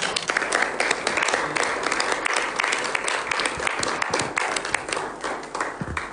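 Sustained audience applause, a dense wash of many hands clapping at a steady, fairly loud level for several seconds without any talking.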